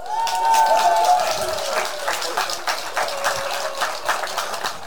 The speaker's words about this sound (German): Und daher kommt jetzt ein Applaus für euch beide.